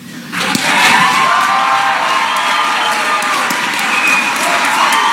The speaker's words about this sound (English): On the count of three, I want everybody to stand up and be as loud as you can, and let's give Matt Bear a standing ovation. One, two, three.